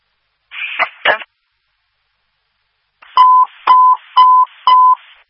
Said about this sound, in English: For Mason Fire, Mason Fire, these are cancellation tones for the pin in 1872 South Eifert. Again, for Mason Fire, you can disregard regarding the pin in 1872 South Eifert.